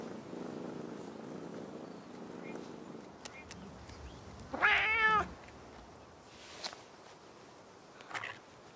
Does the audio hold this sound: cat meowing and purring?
yes